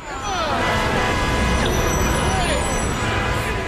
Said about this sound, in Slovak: Na cestách sa tvorili kolóny, jedno auto vedľa druhého, sem tam nákladiak a každé auto niekoho viezlo.